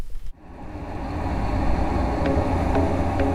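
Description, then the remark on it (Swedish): Loud, steady simulated road traffic rumble, played from loudspeakers at 75–80 decibels, begins after a brief pause, a dense low roar of engines and tires filling the scene, with faint higher ticks recurring near the end. “Och så ska vi spela upp en simulerad trafikmiljö.”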